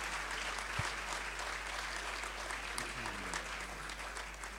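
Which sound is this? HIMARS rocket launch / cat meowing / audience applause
audience applause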